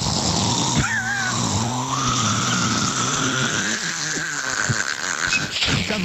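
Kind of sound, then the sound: vocal imitation, person imitating loud snoring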